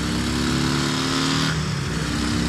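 A motorcycle engine revs steadily with a deep, throaty rumble and strong low-end growl, its harmonic tones shifting slightly in pitch as the throttle changes, loud and continuous with no talking.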